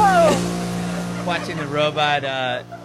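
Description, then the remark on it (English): A cooking robot named Robbie hums and whirs steadily as it auto-washes its wok, opening with a brief falling whine, while a person exclaims and talks over the machine noise. “That sound was Robbie auto-washing himself.”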